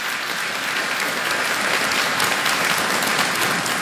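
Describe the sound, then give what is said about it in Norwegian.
A crowd at a celebration claps steadily, a dense, even patter of many hands at a fairly loud level throughout, with no pause or build and no one speaking over it. “Det fortjener en liten applaus.”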